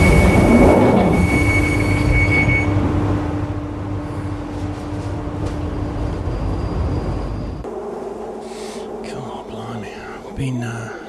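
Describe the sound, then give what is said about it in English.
A London Underground Northern Line train terminating at Morden rumbles loudly along the tracks with a steady low roar and a sustained whine, then the noise drops and shifts as it slows, with faint squeals near the end. “Been on the tube all night since 6 o'clock.”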